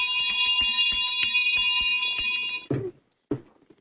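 A bell rings rapidly and continuously for a couple of seconds, bright, with a steady metallic trill, then stops abruptly, followed by a brief voice.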